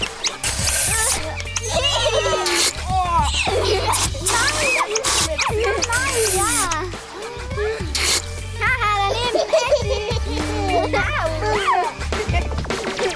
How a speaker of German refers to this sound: Schon war die wildeste Wasserschlacht im Gang. Jeder kreischte, der getroffen wurde, als wäre es das Schlimmste, was passieren konnte.